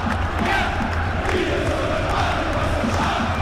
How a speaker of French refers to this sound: 10 000 personnes qui se lèvent d'un coup, qui hurlent, mais ça, c'est... Ça donne un peu foi en l'humanité, mais...